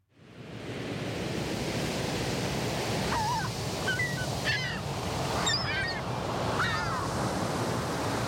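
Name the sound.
ocean waves on shore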